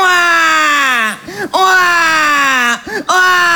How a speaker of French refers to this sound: Ça dure très longtemps et c'est très chiant. Et les scientifiques ont fait des études là-dessus. Ils en sont venus au constat que le pleur d'un bébé peut te brûler des neurones. Ça peut te rendre con.